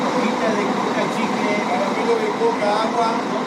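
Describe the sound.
A steady, continuous engine drone of three coach buses idling in front of the railway station in Salta, Argentina, waiting for Tren a las Nubes passengers, with indistinct voices murmuring faintly in the background throughout.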